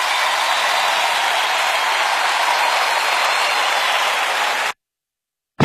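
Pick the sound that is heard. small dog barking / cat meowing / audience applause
audience applause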